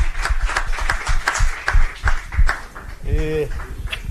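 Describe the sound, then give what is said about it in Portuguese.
A small group claps hands in an uneven, lively burst of welcome, fairly loud, with a short vocal cheer rising briefly near the end, welcoming a new journalist to the Band News FM radio team. “Palmas!”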